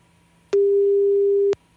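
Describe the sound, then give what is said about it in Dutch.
A single steady ringback tone from an outgoing phone call to a woman, waiting to see if she picks up, one clear hum lasting about a second with clicks at its start and end, heard alone over faint background. “Kijken of ze de telefoon opneemt.”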